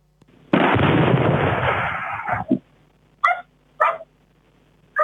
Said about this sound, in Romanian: Momentul exploziei a fost fixat de o cameră de supraveghere din localitate.